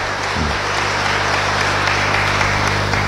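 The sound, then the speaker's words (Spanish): Sustained applause of congratulations for an anniversary, a dense, steady wash of many hands clapping at an even loudness for the full duration, with no voices standing out. “Si es que va ahí, muchas felicidades y le damos un caluroso aplauso de felicitaciones.”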